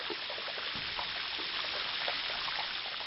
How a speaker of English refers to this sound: And that process of popping out generates a lot of sound. There's kajillions of these bubbles, and so it sounds like a sizzling frying pan or a, you know, snap, crackle, and pop of ice.